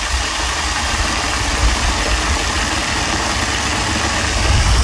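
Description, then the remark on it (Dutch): The waterfall in Park Bergenbos gives a steady, unbroken roar: dense rushing water with a deep rumble underneath, holding an even loudness throughout with no voices. “De waterval in Park Bergenbos.”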